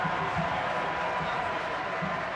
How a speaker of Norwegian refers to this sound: Dere hører at de roper navnet hennes velfortjent her på Fransårstadion.